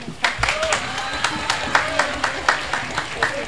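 Thin audience applause for a band's drummer as he is introduced, just a few hands clapping in a steady, even rhythm of sharp claps, about four per second, at a moderate level with no voices over it.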